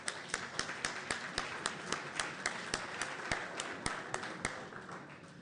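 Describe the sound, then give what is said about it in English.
Audience applause at a candidate forum, welcoming two District 5 candidates to the podium: a steady wash of many hands clapping, with a few sharp, evenly spaced claps standing out, then easing slightly toward the end. No one speaks. “Let's give them a round of applause for getting up here.”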